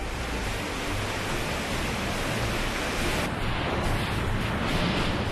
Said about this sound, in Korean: 4단계 급류인데도 바다에서 폭풍을 만난 것처럼 거센 물살에 정신을 차릴 수가 없습니다.